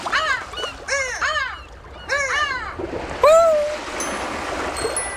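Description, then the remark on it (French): Seagulls with orange beaks and legs crying in loud bursts of rapid, rising-and-falling calls, a few tight groups followed by a single drawn-out cry, over a steady wash of water noise. “Et toi, est-ce que tu as déjà vu des mouettes ? Est-ce que tu les as entendues crier ?”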